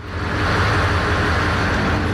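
A steamship's engine on board: a steady, deep droning rumble with a broad rushing hiss over it, unchanging in loudness for the whole stretch, with no voices.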